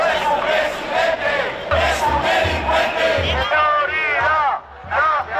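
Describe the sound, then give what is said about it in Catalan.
A large crowd of protesters at the Marxa per a la Dignitat, called by Societat Civil Espanyola, chants and shouts slogans, insults and xenophobic cries demanding Sánchez's resignation, in loud, rhythmic bursts, many voices rising and falling in unison over a constant roar of noise. “En proclames com aquestes, insults i crits xenòfobs, els manifestants han exigit la dimissió de Sánchez.”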